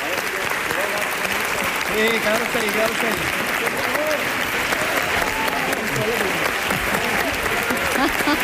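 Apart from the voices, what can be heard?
audience applause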